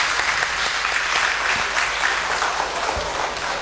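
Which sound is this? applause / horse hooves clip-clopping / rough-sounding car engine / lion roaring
applause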